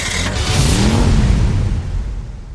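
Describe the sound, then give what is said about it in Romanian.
A car engine revs up loudly and pulls away, its rising pitch sweeping upward before the roar eases off as the vehicle drives away, with no voices, in an advert for Autodan cars in Zalău. “Mașinile Autodan pornește la drum cu încredere și siguranță.”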